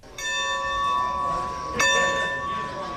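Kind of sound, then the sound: signal or alarm, train station bell clanging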